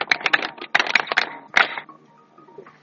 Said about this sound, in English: And that's none other than Mama Janet Kataha Museveni. Let's clap for her.